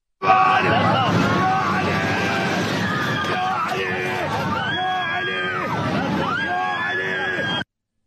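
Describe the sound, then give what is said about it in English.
Many passengers aboard an Iranian airliner scream and wail at once as the plane seemed to fall apart shortly after takeoff, high pitched cries rising and falling in overlapping waves over a constant loud roar, continuing for several seconds before cutting off abruptly. “Here is video footage capturing the moment the plane seemed to fall apart.”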